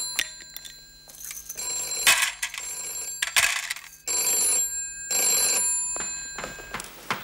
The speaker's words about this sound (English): Oh, the telephone's ringing. Coming.